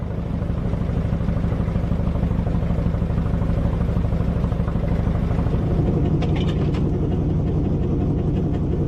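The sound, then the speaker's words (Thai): An old passenger boat engine chugs steadily and loudly throughout as the boat cruises 28 kilometres along a lake in Norway, winding past mountains; a deep, rhythmic rumble with a faint mechanical clatter rising near the end. No voices are heard. “ซึ่งตลอดความยาว28กิโลเมตรเรือได้ล่องไปในทะเลสาบลดเลี้ยวไปตามภูเขาที่มีวิวทิวทัศน์อันสวยงามใช้เวลาประมาณ1ชั่วโมง”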